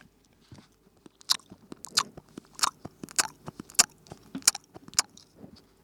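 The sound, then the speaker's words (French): A wolf devours its prey: wet, crunching chewing and biting sounds repeat in a steady rhythm of sharp bursts as it tears into the food, with no voices present. “Il se jeta sur la grand-mère et la dévora.”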